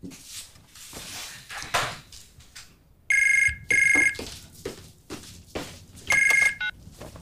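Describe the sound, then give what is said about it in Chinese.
A telephone rings loudly late in the evening in three bright electronic bursts, two close together and a third after a pause, over quiet household clatter and shuffling noises. “哎妈，这么晚给我打电话，有事儿啊？”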